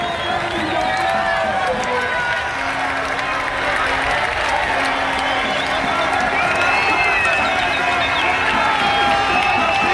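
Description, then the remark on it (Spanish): A dense, loud crowd roar of cheering and clapping in Don Benito, celebrating a goal by Pedro Porro, fills the whole stretch without letting up, with steady horn-like tones and excited voices mixed in. “Así ha sonado en la SER el gol de Pedro Porro Eterno en su casa en Don Benito.”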